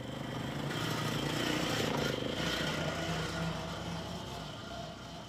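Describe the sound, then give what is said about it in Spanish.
A small motor scooter engine runs steadily throughout on its route to a waste sorting centre, a continuous buzzing drone that swells slightly midway and then eases off a little, with no pauses. “Y al paso de la motoneta empieza el recorrido hasta llegar al centro de clasificación.”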